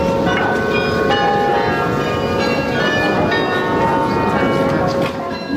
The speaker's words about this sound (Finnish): Matkan varrella ohitimme kauniin Grootekerkin kirkon, jonka kellot ovat kutsuneet ihmisiä Jumalan kasvojen eteen jo vuosisatojen ajan.